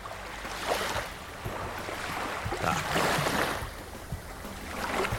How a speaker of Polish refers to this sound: Mamy tu również do wyboru dźwięk. Fale oceanu są ustawione domyślnie.